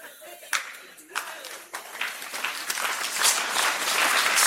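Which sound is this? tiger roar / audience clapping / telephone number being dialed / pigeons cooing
audience clapping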